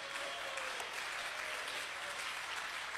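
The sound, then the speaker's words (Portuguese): A standing church audience claps hands for Jesus steadily, a dense, continuous wash of many overlapping claps with no clear rhythm, holding at an even level throughout. “Ô, glória, pode bater mais forte as palmas para Jesus.”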